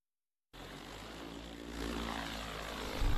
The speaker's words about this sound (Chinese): 在高淳区鸭溪街道永宁村的高标准稻田上空，无人机正平稳飞越翠绿稻苗，将调配好的药液化作细密薄雾，均匀洒落田间。